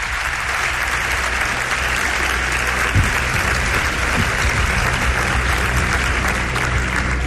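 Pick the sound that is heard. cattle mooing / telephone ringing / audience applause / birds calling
audience applause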